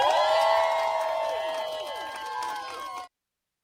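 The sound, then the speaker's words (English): A crowd cheers and whoops loudly as the first bus pulls up with the final dogs at Ridgeland Farm, closing after 60 years of business, rescued by Big Dog Ranch Rescue. High excited voices overlap in a steady roar for about three seconds before cutting off abruptly. “Listen to everybody and their reaction.”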